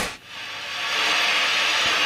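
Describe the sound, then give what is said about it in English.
A tape recorder motor, picked up by a contact microphone placed on the machine's housing, runs with a steady, hissy whir that briefly dips at the start, then swells slightly and holds an even drone. No voices. “So we have the sound of the engine.”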